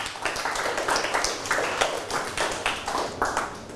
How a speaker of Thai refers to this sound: ปรบมือให้ตนเองครับ